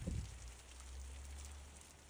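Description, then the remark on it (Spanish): Heavy rain pours down in a steady, unbroken hiss during a storm in Besalú, in the province of Girona, with a low rumble beneath it. A brief thump sounds at the very start, and no one speaks. “Así de fuerte ha caído la lluvia durante la tormenta en Besalú, en la provincia de Girona”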